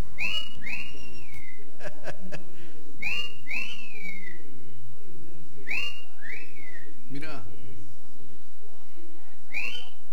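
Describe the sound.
Pet parrots at a home in the Santa Ana neighbourhood, excited by the weather, whistle in loud bursts of rising and falling notes, repeating about four times over a noisy background, with a person briefly speaking between calls.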